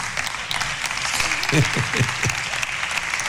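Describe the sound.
A large audience applauds steadily, dense clapping filling the room throughout, with a few brief voices calling out partway through.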